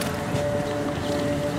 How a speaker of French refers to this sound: Le chant sympathique des moteurs.